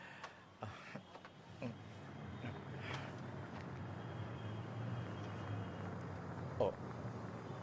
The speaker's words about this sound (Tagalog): May nagdulog na salakyan sa kilid ko.